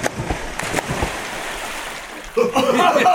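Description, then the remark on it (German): Water splashes and churns in a broad, noisy wash as people jump from a ship into the sea, with a few sharp bursts early on, then excited voices break in over the splashing near the end. “Wir springen freiwillig ins Wasser.”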